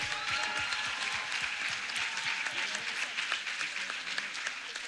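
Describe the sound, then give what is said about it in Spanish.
A crowd claps steadily and loudly in sustained applause for Christ, a dense wash of overlapping hand claps with no break for the full five seconds and no voices standing out. “Vamos, ese aplauso para Cristo, dáselo más fuerte a Él.”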